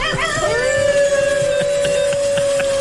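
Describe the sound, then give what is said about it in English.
A man lets out a long, loud wolf-like howl that people mistake for a wolf, his voice rising and then holding a steady sustained tone for a few seconds over a busy background of rhythmic thumping and crowd noise. “They're like, there's a wolf in here. No, it's a guy.”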